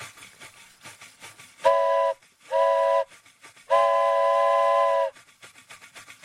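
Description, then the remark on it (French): A foley imitation of a steam train whistle sounds three times, two short blasts followed by a longer held one, loud, with faint rumbling and clatter underneath between the blasts. “Train à vapeur.”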